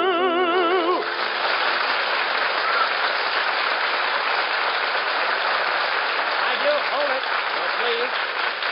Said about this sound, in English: Now, please. Now, applause. If you just like it, throw money on the stage.